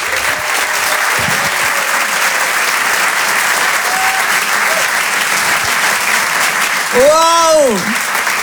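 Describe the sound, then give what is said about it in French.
An audience applauds steadily and loudly for Reda Siddiqui, with dense clapping filling the whole stretch and a few cheers and a rising whistle-like shout near the end. “Je vous demande de l'encourager de faire un maximum de bruit, un tonnerre d'applaudissements s'il vous plaît pour Reda Siddiqui.”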